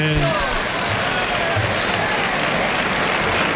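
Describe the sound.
A large bullfight crowd gives a sustained ovation to the picador after his third lance thrust, dense clapping and cheering filling the space at a steady, loud level, with a brief voice at the very start.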